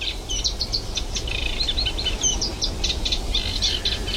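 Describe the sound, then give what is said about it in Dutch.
A Eurasian reed warbler sings in the morning in the Kleine Gelderse Waard, a continuous, rhythmic chattering song of repeated scratchy notes, clear over a steady low rumble of wind or traffic. “in de kleine Gelderse Waard, waar het eigenlijk dag en nacht doorgaat met het geluid van de kleine karakiet, de hoofdrolspeler van deze ochtend.”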